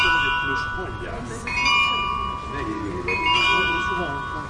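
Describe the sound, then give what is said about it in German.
Carillon bells ring out a slow chime melody, bright sustained tones overlapping and ringing on, with a faint murmur of voices underneath; the glockenspiel played on a carillon on the full hour outside the door of a sound installation exhibition to greet visitors, made for the rebuilding of the Nikolaiviertel shortly before the end of the GDR. “Genau, das ist das Glockenspiel, mit dem die Besucherinnen und Besucher zur vollen Stunde draußen vor der Tür begrüßt werden. Es wird auf dem Carillon gespielt.”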